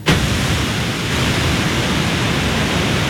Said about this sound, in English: South America's Iguazu Falls are one of the 7 wonders of nature, and they look even more majestic here. Heavy rains have forced significant amounts of water to flow through hundreds of waterfalls, creating these stunning scenes.